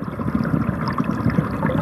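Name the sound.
flowing river water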